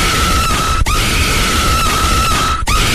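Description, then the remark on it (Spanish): A loud celebratory shout, a long sustained grito held for several seconds with a couple of brief catches for breath, ringing and strained, with no other talk. “Claro, yo les puedo mandar el grito.”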